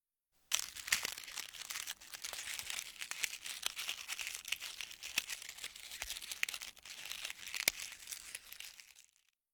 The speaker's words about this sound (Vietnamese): Đúng là cảm giác cắn vào cái gì đó mỏng và giòn nhỉ